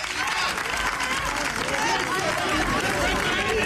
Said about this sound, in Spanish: Presidente Aznar, a su llegada, abrazo en la calle de ambos y aplausos y eslogans.